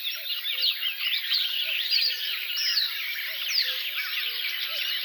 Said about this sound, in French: Puis il y a des oiseaux qui font de la sourdine, ils sont en train d'essayer en fait. Ils essaient leur chant, voir si l'instrument fonctionne. Coucou et Rousserolles Verderolles.